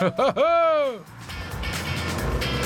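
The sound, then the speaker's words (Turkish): A 200-horsepower car's engine revs with a rising-then-falling whine, followed by a steady, loud rushing turbo whoosh that carries on for a couple of seconds. “İşte turbo sesi.”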